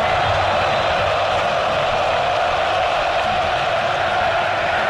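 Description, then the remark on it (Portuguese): A huge crowd of over 40,000 football fans singing together at Arena Corinthians, a dense, steady wall of massed voices that holds at the same loud level throughout, with no single voice standing out. “Mais de 40 mil aqui na Arena Corinthians, sofrendo, eles não desanimam não, cantam o tempo inteiro, ouça aqui a Arena Corinthians”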